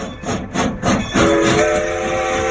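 Rhythmic chuffing of a steam train gives way to a loud, sustained steam whistle that holds steady over the hissing engine noise, with no voices.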